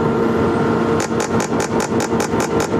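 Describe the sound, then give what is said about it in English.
A transcranial magnetic stimulation machine at Dr. Aaron Krasner's practice, with coils in a helmet delivering magnetic pulses, runs with a steady electrical hum, then a regular train of sharp, rapid clicking pulses begins and repeats evenly, about five per second. No one speaks. “Dr. Aaron Krasner turns on a machine at his practice. It looks like an EKG machine combined with a hair dryer at a salon.”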